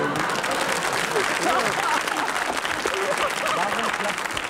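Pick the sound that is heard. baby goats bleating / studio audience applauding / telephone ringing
studio audience applauding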